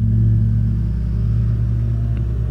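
A man mowing a lawn right outside the window of a radio studio; the lawn mower's engine drones steadily, a low, rumbling hum with a constant pitch and no pauses, fairly loud and with no voices over it.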